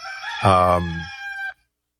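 A single loud rooster crow, close by, rising into a strained, harmonic-rich call that holds for about a second and then cuts off abruptly into silence.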